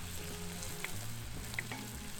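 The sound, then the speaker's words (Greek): Steady sizzling of food frying in a pan, a continuous crackling hiss with a few sharper pops and a low hum underneath, no voices. “Δείτε, δείτε σαν μπέικον.”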